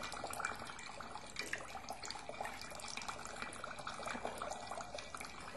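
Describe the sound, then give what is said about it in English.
Water runs steadily from a tap, a continuous splashing rush with small irregular gurgles and spatters throughout, not loud, with no voices. “What you will do when the water is not flowing.”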